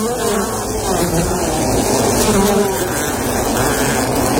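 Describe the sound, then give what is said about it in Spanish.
A voice imitates a buzzing fly as a clue for zumba, a sport done in the gym, with a steady, droning hum that holds for several seconds at a fairly loud, even level, wavering slightly in pitch. “Mosca, mosca, vuelo, zumba, vuelo.”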